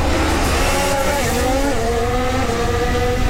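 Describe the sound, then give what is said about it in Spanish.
A high-pitched Formula 1 racing engine screams steadily and loudly, its tone sliding slightly as the car runs past on a race track, with a constant roar beneath and no voices. “Más o menos son 10 segundos lo que separan a cada auto para que puedan tener el aire limpio y poder correr libremente en la pista”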